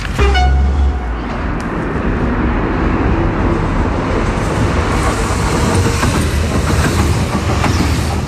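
A train rumbles loudly past on the rails on a hot day, with the rail measured at 55 degrees: a sustained, dense roar with rolling mechanical rattle and a brief horn-like tone at the start, staying steady throughout without any talking.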